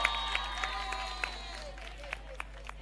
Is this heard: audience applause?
yes